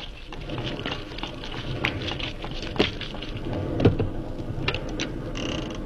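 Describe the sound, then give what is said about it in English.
Heavy rain pours down steadily, a dense, crackling wash of sound filling the whole stretch, with a couple of sharper knocks or thuds standing out briefly near the middle. “Good Lord, it's pelting with rain.”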